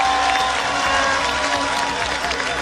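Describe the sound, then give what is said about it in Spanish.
An audience applauds loudly and steadily throughout, a dense continuous wash of clapping with scattered cheers and voices rising through it. The applause honours a woman who has fought for democracy. “Un aplauso para ella.”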